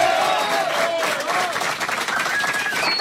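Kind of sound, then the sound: crowd, audience applause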